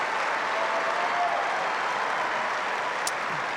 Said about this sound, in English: Well, Daria Kazatkina departs the scene to a huge ovation. The crowd really loved what she